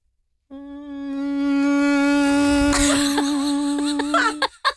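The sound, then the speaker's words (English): A person imitates a mosquito with a steady, buzzy drone made with the tongue on the front teeth, held for about four seconds, fairly loud, while laughter breaks in toward the end. “He's honestly just got his tongue on his front teeth making that sound.”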